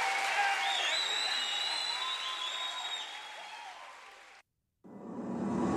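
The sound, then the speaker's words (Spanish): A large audience claps for Jesus in thanks for a person's life, with scattered cheers and whistles, loud and continuous for several seconds, then a brief drop to silence before the applause comes back. “Aplauda Jesus pela vida de”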